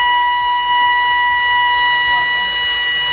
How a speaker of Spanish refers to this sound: en el conjunto residencial Park 68, ubicado en el barrio Bellavista Norte de Barranquilla, la alarma sonó.